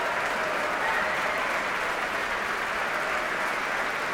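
A large, very enthusiastic audience applauds in the main hall of the Concertgebouw as Sejong Yin Cho heads back to the grand piano for an encore, a dense, steady wash of clapping that stays loud and even throughout without any break.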